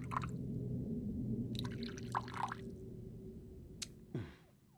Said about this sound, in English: Please, pour away. Beluga vodka from Siberia, using spring water purified 3 times. It's what one reads.